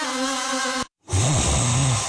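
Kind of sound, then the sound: human body sound, person snoring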